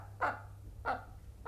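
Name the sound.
hen clucking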